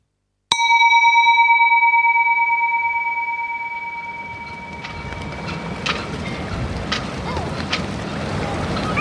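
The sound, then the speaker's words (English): A single ringing, bell-like strike fades out as a boat churns through rough, troubled waterways toward an island, with steady wind and splashing building to a loud, continuous rush and rumble. “Troubled waterways lead my way to the island. The boat, the ghost.”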